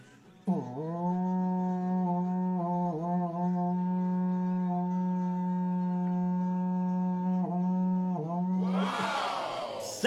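A berrante cattle horn blares one long, loud, steady low note for about eight seconds, its pitch dipping briefly a few times, then cutting off into a burst of noisy sound.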